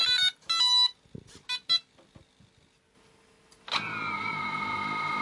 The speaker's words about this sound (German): Das Scharfstellen und das Anschalten der Drohne, das klingt dann so.